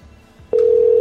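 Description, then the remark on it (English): A steady, loud electronic phone tone switches on abruptly halfway through and holds evenly to the end, like an outgoing call ringing on the line, after a brief low background murmur. “Still not busy. I wonder if they can, like, not hear it ringing or something.”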